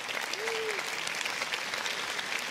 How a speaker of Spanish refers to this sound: Denle un aplauso, por favor.